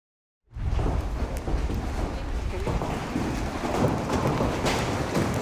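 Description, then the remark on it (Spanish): An intense storm with large hail and pouring rain sets in abruptly in Asunción, Paraguay: a dense, steady roar of downpour dotted with sharp clattering impacts, loud, with wind buffeting throughout. “Y una intensa tormenta acompañada de granizo de gran tamaño sorprendió a los habitantes de Asunción, Paraguay.”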